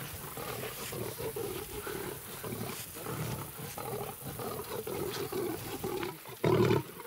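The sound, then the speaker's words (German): A lion in an enclosure roars in a series of deep, rumbling, pulsing bellows that rise and fall rhythmically, loud, with a sharper burst near the end and no talking. “Der Löwe, obwohl auch jetzt im Gehege ist, wenn brüllt, dann hört man noch so das Innere, diese Freiheit.”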